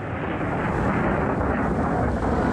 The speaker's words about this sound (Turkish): Yağmur yağıyor. Şimşek çakıyor.